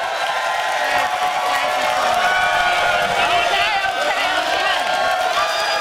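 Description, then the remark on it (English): A large audience applauds and cheers continuously, a dense, loud wash of clapping mixed with shouting and whooping voices that holds steady for the whole stretch. “The applause, it just... Oh, they start...”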